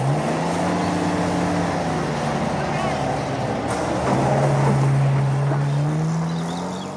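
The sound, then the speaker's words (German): An off-road vehicle's engine roars steadily with a deep, droning rumble and shifting low tones, rattling and rushing over a dead-straight but bumpy, dusty red dirt track in the Australian bush at the end of autumn, about 20 °C, loud and continuous throughout. “Der Geländewagen donnert über die schnurgerade, aber wellige, staubrote Piste.”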